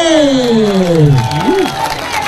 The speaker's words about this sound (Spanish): ¿Te gustó? Regálenos un aplauso en esta noche.